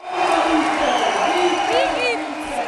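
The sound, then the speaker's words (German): A large crowd in a gym hall in Bar, canton of Zug, claps and cheers steadily at a village reception for Olympic champion McMahon, a loud dense wash of applause with voices calling out and a couple of rising whoops near the end. “Ja, also ich muss sagen, das ist vom Applaus und von den Leuten her noch viel gigantischer, als ich das in Zeit erlebt habe.”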